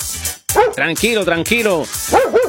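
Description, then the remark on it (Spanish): A pet dog named Bobby barks repeatedly, a run of loud, short, yelping barks with rising and falling pitch, coming in quick bursts one after another. “Tranquilo, Bobby, que mire, no, tranquilo, deja al gato quieto.”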